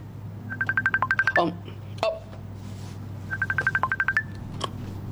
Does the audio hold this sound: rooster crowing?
no